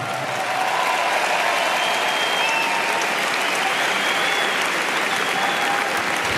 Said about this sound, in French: Voilà les applaudissements du public. On va voir qui des deux aura réussi à séduire le public du Philippe Châtrier.